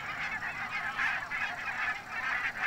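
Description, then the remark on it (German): A dense flock of tens of thousands of migratory barnacle geese on the North Sea coast, grazing sheep pasture, honking continuously, many overlapping high yapping calls forming a steady, loud chorus with slight rhythmic swells and no voices. “Zehntausende Nonnengänse fressen den Schafen das Gras weg.”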